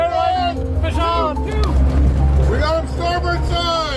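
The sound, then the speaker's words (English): The engine of a 43-foot charter fishing boat in Washington State drones steadily at a low pitch out on the water, loud throughout, while voices talk over it. “captains a 43-foot charter boat in Washington State.”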